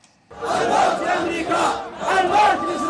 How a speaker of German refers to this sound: Tod Amerika, Tod Israel. Mit Parolen und Marschmusik geben sich die Husi in Jemens Hauptstadt Sana'a kämpferisch. Massenaufmärsche sollen Stärke demonstrieren.